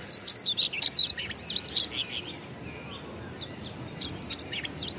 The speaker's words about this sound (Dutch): Twee grasmussen die een beetje tegen elkaar aan het zingen zijn om het territorium af te bakenen.